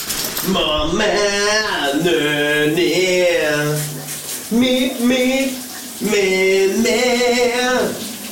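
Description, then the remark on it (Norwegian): A steady hiss of water from a shower at home runs underneath a man singing loudly on a Wednesday morning in long, wavering sustained phrases, with brief pauses between lines. “skubber os ud i vores onsdag morgen med lidt skøn sang fra bruseren derhjemme.”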